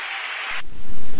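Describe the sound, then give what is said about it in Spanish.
An audience breaks into applause for God, a dense, hissing wash of many hands clapping together that keeps going for the whole moment, with no voices heard over it. “Un aplauso a Dios.”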